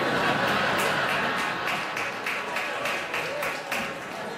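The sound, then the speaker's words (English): One audience member claps hard and fast, a steady run of about fifteen sharp, bright claps over a constant murmur of crowd noise and chatter. “Very enthusiastic fat clap over there, by the way.”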